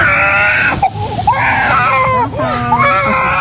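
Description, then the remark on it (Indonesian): A small child cries loudly and continuously in wailing, rising-and-falling bursts, with brief catches of breath between the sobs and faint background noise throughout, at a shelter home for children with HIV/AIDS, crying because it wants to go along with its caregiver who is leaving. “Kegembiraan anak-anak polos penderita HIV/AIDS bermain sejenak teralihkan dengan tangisan anak kecil yang ingin ikut inang pengasuhnya pergi.”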